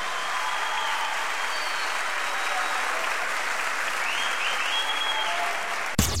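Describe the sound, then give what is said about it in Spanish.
A large audience claps loudly and steadily for about six seconds, a dense wash of applause with faint cheers mixed in, before it cuts off abruptly. “La clavó al ángulo, fuerte aplauso.”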